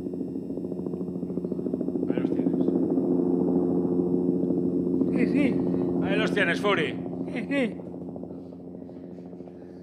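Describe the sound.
A helicopter drones loudly and steadily overhead, its deep rumbling engine hum filling the whole stretch while a few people speak briefly over it.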